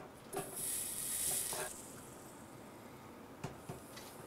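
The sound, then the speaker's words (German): Soldering 1.5 mm sheet metal for a handmade rainwater collection box for a roof gives a steady, bright sizzling hiss for just over a second, then fades, followed by a couple of short metallic taps. No one speaks. “Und klar, wieder löten.”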